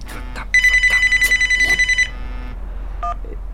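A telephone rings with a rapid, trilling bell burst lasting about a second and a half, loud, followed by a couple of short electronic beeps.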